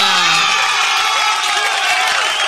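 A loud burst of applause and cheering from a crowd, with whoops and shouts over dense, steady clapping filling the whole stretch.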